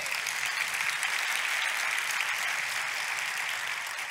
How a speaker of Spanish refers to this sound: Dar otro aplauso a Jehová.